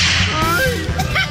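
A loud whip-crack sound effect, a swishing lash ending in a sharp snap, over a dense, steady background.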